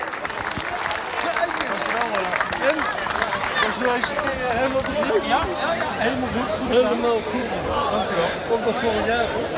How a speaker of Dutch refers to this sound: Applaus voor de scheidsrechters. A big hand for the referees.